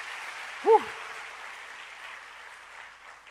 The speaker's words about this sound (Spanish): No, un aplauso para los muchachos, lo hicieron muy bien, qué bien.